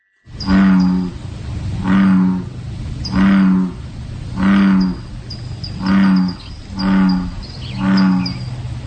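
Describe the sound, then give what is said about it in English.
Bullfrogs calling in the morning: seven deep, resonant, droning croaks in a steady rhythm, each lasting about a second, with faint high chirps in the background and no talking. “Here's bullfrogs in the morning.”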